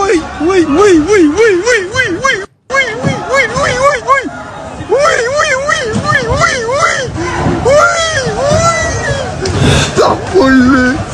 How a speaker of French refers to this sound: Alors, ces cris que vous venez d'entendre n'ont pas été enregistrés lors d'un mouvement de foule ou d'une manifestation qui dégénère, mais dans plusieurs magasins Lidl qui mettaient en vente aujourd'hui 200 000 climatiseurs et ventilateurs.